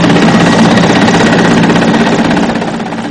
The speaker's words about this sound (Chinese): 下午5点，直升机再次飞抵核心区。不同的是，这次飞机下方有绳索和吊篮。下午5点半，一切就绪后，直升机从核心区起飞，飞往吉隆镇。